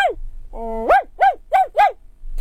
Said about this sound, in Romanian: Se auzi glasul cățelului răsunător departe în pădure.